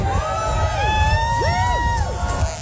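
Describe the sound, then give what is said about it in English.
A crowd of train fans cheers and whoops loudly and steadily at Flinders Street Station as the new Extrapolis 2.0 train arrives. High, excited voices rise and fall in overlapping shouts over a dense rumble of many people. “The train fans went mad.”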